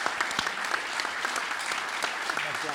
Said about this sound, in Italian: Un bel applauso!